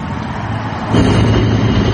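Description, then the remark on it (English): Constant droning hum of the on-site power plant of the Vantage Data Center in Sterling, Virginia, across the street from a neighborhood; a loud, steady low rumble with faint tonal ringing, swelling louder about halfway through and continuing unbroken, with no voices. “Imagine living next to this and having to hear this constant ringing.”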